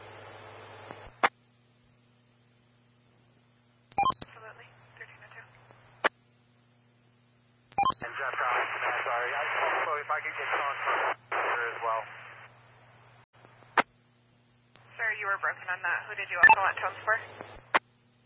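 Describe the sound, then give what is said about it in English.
Bursts of band-limited fire dispatch radio traffic with alerting tones for engine 132 and tender 162, each transmission opening and closing with sharp squelch clicks, separated by short gaps of near silence. “Can I get a tone for 132?”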